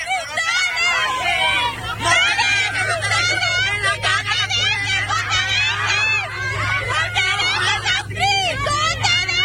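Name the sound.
children shouting and screaming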